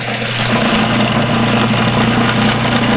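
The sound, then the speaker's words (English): A kitchen machine runs continuously, finely chopping herbs including basil rather than pureeing them, with a loud, steady motor whir and hum that holds even for the whole stretch, with no talking. “We are not pureeing. We are finely chopping.”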